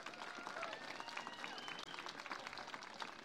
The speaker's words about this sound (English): But I really want to thank, because I like our veterans. Let's give our veterans a big round of applause.